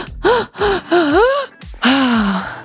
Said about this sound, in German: Atmet 5-mal ein und nur einmal aus. Das gibt eurem Gehirn Sauerstoff und durch das Konzentrieren auf die Atmung aktiviert ihr eure grauen Zellen.